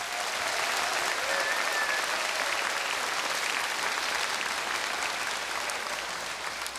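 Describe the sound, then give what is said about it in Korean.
A large audience applauds sponsors and teachers, clapping steadily and continuously, a dense wash of applause that stays loud throughout and eases off slightly at the very end, with no talking over it. “여러분들이 젖먹었던 힘이 있다고 한다면 그분들을 위해서 뜨거운 박수 한번 부탁드리겠습니다.”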